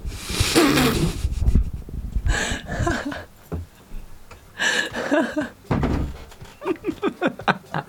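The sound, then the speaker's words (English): Several heavy, dull thuds of someone knocking at a door land in separate loud bursts, followed by a few brief vocal sounds. “Hold on, someone's at the door.”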